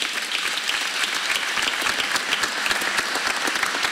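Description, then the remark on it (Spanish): An audience applauds steadily in praise of God, a dense wash of many hands clapping at once, sustained and fairly loud throughout with no one speaking over it. “Aplauda y bendiga a Dios.”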